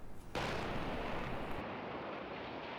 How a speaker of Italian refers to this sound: È il 23 giugno del 2023, sulla tangenziale di Napoli esplode un'auto sperimentale. Queste immagini inedite documentano la tragedia